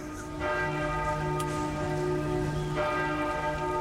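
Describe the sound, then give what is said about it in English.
Church bells toll in two broad strikes, each ringing out with long, humming overtones that linger and decay, heard over a soft steady hiss like light rain. “The bells toll.”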